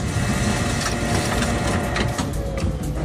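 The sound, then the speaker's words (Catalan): A printer runs steadily, its dense mechanical whirring and grinding broken by quick rhythmic clicks and scrapes, loud and continuous for the whole stretch with no voices. “Ho ha fet amb el so d'una impressora.”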